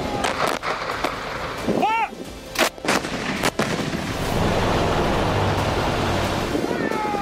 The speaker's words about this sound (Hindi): एक साथ गरजती M777 ultra light होविट्सर तोपें, Pinaka multi barrel rocket launcher से धुआंधार फायरिंग और आसमान में गरजता सेना का अटैक हेलीकॉप्टर।